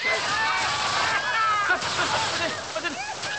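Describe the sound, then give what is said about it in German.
Water from a hose gushes and splashes in a loud, steady rush that lasts the whole time, with indistinct voices faintly audible underneath, at an event in St. Wolfgang after the command "Wassermarsch". “Aus Wassermarsch! Schluss! Aus!”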